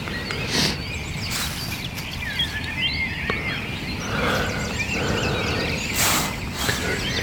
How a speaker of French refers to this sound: Réveillé par les grives. Sachant que de partout, c'est encore plus impressionnant que le soir, le concert des oiseaux.